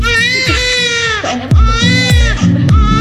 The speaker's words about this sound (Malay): Saat menangis, kita akan mengeluarkan air mata. Namun, sadarkah Anda bahwa bayi baru lahir tidak mengeluarkan satu tetes pun air mata saat menangis?